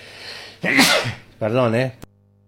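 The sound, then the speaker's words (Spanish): A single loud sneeze from a person reading the news: a sharp, breathy burst followed by a voiced, drawn-out tail, then abrupt quiet with only faint background hum. “Perdón, pero se me vino el estornudo, perdón.”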